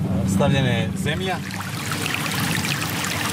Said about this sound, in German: Wir sind gut 3 Kilometer außerhalb der Stadt an einem kleinen Bach. Er führt direkt an einigen Grundstücken mit großen Wiesen vorbei.